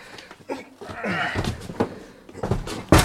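A door gets bumped and knocked several times as a crate is carried into the hallway, sharp wooden thuds with the loudest bang at the end, amid shuffling movement and murmuring voices.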